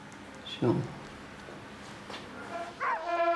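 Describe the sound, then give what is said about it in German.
Hunting dogs trained for the hunt bark: one sharp, loud bark, a short pause, then a run of higher, whining yips toward the end, with a faint murmur in the background. “Diese Hunde sind für die Jagd ausgebildet.”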